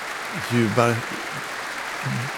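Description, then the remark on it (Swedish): A concert audience applauds in a steady, dense wash of clapping that runs throughout, while a voice speaks over it in a few short bursts, as the soloist comes back onto the stage and turns to applaud the orchestra too. “Hon vänder sig om mot orkestern och applåderar dem också.”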